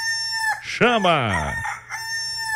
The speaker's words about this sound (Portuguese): Dá mais uma cutucada no Ganizé, que a galera não tá desperta ainda. Cutuca o garnizé, cutuca o galo, pelo amor de Deus!